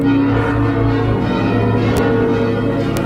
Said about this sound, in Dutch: Maar Groningen hield stand en daarom werden ook vanmorgen de klokken van de Martini-toren geluid.